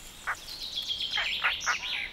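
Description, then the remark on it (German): A European roller calling in forests behind the dunes: a few short, harsh bursts at uneven intervals over a thin, continuous high chirping, fairly quiet, with no voices. “In den Wäldern hinter den Dünen leben Blauracken.”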